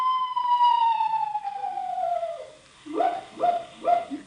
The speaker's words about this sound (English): Just a screech owl, Unc. Oh? Must have the hiccups. Hello there, Screechy.